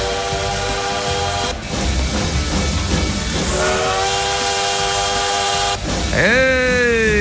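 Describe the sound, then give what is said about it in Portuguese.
A steam train sound effect: loud whistle blasts sound three times over constant hissing steam and rumbling, the last blast swooping upward in pitch. “E aí, ó, trem bala por aí, gente, ó.”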